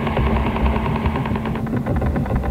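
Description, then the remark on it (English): A loud, relentless stream of rapid tapping pulses, the Woodpecker radio interference signal, picked up across the United States, Britain, Western Europe, Australia and the Far East, buzzing in a fast machine-gun-like rhythm over hissy, crackling radio static with no voices. “Woodpecker doesn't just cover the United States. The signal can also be picked up loud and clear throughout Britain, Western Europe, Australia, and the Far East.”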